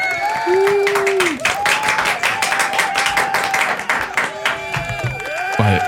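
A burst of crowd applause sound effect played by pressing an applause button: dense rapid clapping that stays loud for several seconds, with whoops and a rising whistle-like cheer woven through it.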